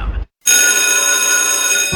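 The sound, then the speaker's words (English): Anderson College's loud electric school bell rings continuously for about a second and a half, harsh, starting abruptly after a short silence with no voices over it. “Did you hear that? Anderson College's school bell is ringing just for you.”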